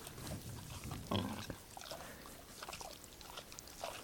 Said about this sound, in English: No, a sheep. And this is Oscar. You can, like, hear him chewing.